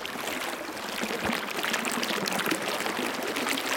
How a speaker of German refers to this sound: Und so ein Fluss.